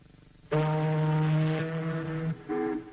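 A voice imitates an ocean liner's foghorn: one long, steady, low droning blast, followed by a brief, loud second honk.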